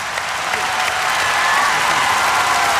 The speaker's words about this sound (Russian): Дайте, маэстро, самые горячие аплодисменты.